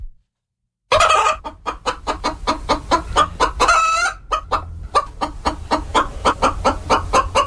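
Chickens cluck in a rapid, busy chatter, fairly loud, with a rooster's drawn-out crow rising briefly through the middle before the clucking carries on.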